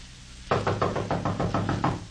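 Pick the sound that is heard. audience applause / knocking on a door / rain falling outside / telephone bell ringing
knocking on a door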